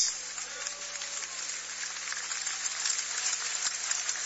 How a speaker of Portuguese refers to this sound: Podeis assentar e dar uma salva de palmas.